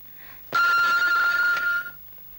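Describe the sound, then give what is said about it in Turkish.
A telephone rings once, a bright sustained bell tone lasting about a second and a half, loud, with no talking around it. “Şimdilik şu telefonlara cevap ver yeter.”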